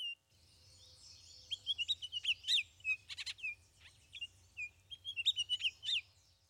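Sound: bird song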